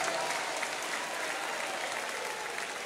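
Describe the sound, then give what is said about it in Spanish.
Sustained applause for the Lord from a large church gathering, a dense, steady wash of clapping hands that stays loud and even throughout, with no pauses or individual claps standing out. “Un aplauso, Señor. Un aplauso al Señor.”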